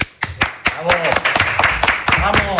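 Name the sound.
applause sound effect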